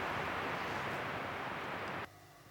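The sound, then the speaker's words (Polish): Loud, steady radio static hisses from a radio receiver switched to the long-wave band for about two seconds, then cuts off abruptly to a much quieter, fainter hiss. No one speaks. “A, teraz będę miał problem z zakłóceniami.”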